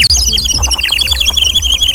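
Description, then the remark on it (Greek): A rapid stream of high, twittering bird chirps, whistled in imitation, carries on continuously for about two seconds over a low background hum. It is fairly loud, with no talking. “Έτσι θα κελαϊδάνε οι παπάδες τώρα υπέρ της κυβέρνησης.”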